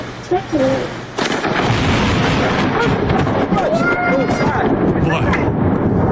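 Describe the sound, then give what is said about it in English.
A sudden, loud crack of thunder from a lightning strike during a thunderstorm, recorded on a Ring camera, bursts in and rolls into a sustained, heavy rumble that fills the rest of the moment, with voices faintly audible underneath. “a thunderstorm”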